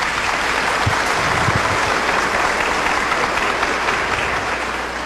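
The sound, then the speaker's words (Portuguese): Steady, dense applause from an audience at a cathedral on the feast of the Holy Spirit, honouring a priest on the first anniversary of his ordination; many hands clapping continuously at an even loudness for several seconds, with no voices standing out. “Então vamos saudá-lo com a salva de palmas.”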